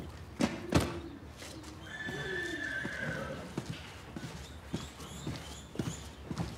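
A horse whinnies in a long, wavering call, framed by sharp hoof clops before and after, fairly loud against a quiet outdoor background.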